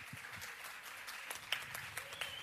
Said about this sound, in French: Et on se quitte sur ces merveilleux applaudissements